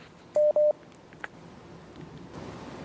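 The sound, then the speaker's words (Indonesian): Two short, loud telephone dialing tones sound in quick succession, steady electronic beeps, followed by quiet line hiss and a faint click before soft static rises, as a caller's telephone or WhatsApp line is picked up for a live question session. “Masih kita akan angkat pertanyaan berikutnya Ustaz, dan kali ini kita akan angkat melalui line telepon atau line telepon WhatsApp”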